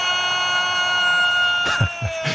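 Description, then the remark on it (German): Faint, high-pitched Morse code tones sound steadily in the background of a Spanish reporter's football broadcast of Spain beating France 2-0 in the semifinal, joined near the end by a few short, louder bursts of other noise. “Hören Sie es, Morse?”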